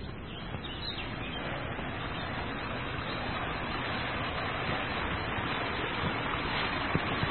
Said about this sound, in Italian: e avanziamo tra i rovi. Ed ecco la cascatella.